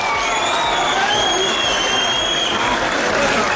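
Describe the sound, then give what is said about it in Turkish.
A large crowd at a football club gathering claps and chants for the speaker steadily, the dense applause and rhythmic group voices filling the space loudly and continuously, with the speaker's voice faintly underneath. “Rica ediyorum, konuşmayı bitirin, ondan sonra bana tezahürat yapın, bekliyorum.”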